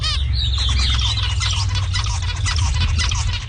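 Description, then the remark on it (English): A zebra finch sings a rapid run of high, buzzy chirps and short trills, steady, over a constant low rumbling hum. “So one of those examples is actually the zebra finch.”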